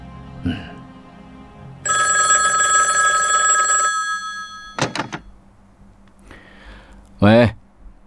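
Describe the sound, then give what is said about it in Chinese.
A telephone bell rings loudly in one sustained two-second burst, followed by a couple of sharp clunks like a handset being picked up, then a brief voice. “亲自给老头子打了电话，强调事态的严重性。”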